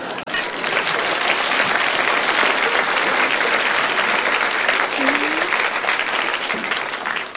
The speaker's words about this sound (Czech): To je poprvé, co piju a lidi tleskají.